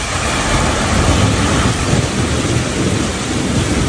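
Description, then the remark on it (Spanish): A summer thunderstorm: steady, heavy rain hissing continuously with a deep, low rumble of thunder rolling underneath, loud, with no one speaking. “Es un calor intenso que, unido a la inestabilidad en altura, pues forma las tormentas de verano.”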